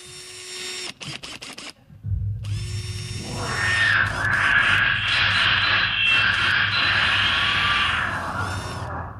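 A power drill whines and revs against a 32-inch bass drum in a drill solo, starting with a few short clicks and bursts, then a sustained loud whir over a deep, booming low rumble.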